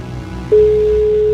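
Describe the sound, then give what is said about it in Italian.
A single steady ringback tone from an outgoing phone call to a listener's mobile, the second ring, starts about a third of the way in and holds at an even pitch to the end, over a low background hum. “Secondo squillo, sì.”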